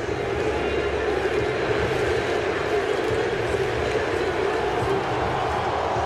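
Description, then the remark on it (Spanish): A huge stadium crowd of Moroccan fans at a football match roars and cheers in an explosion of jubilation, a dense, sustained wall of sound, loud and unbroken for several seconds, with countless voices blending together. “Explosión de júbilo.”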